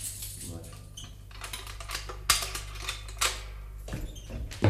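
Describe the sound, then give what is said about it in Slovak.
A bunch of keys jangles in irregular bursts of bright metallic clinks and rattles, over a steady low hum, with muffled voices in the background. “Daj sem kľúče.”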